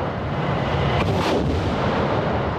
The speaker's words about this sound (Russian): штурмовых групп и уничтожении огневых средств подразделения ракетных войск и артиллерии применяют современные мобильные артиллерийские системы на колесной базе «Гиацинт-К» и «Мальва», а также реактивные системы залпового огня «Торнадо-С» и «Ураган».